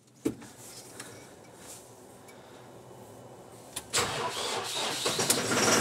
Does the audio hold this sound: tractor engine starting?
yes